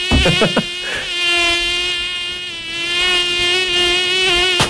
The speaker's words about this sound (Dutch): Of is het echt een mug? Oh, oei. Oh, net ernaast.